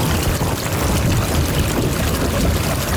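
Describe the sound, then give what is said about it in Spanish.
Storm ambience: a steady, dense rush of rain and wind that holds an even loudness for the whole stretch, with a low rumbling undertone and no voices. “O también otro tipo de ruido como de tormentas.”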